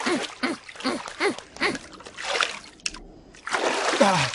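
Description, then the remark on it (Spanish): Water splashes in a quick, rhythmic series of bursts, then a brief lull before a louder, sustained rush of splashing and churning water at the end. “¡Me entró agua por la nariz!”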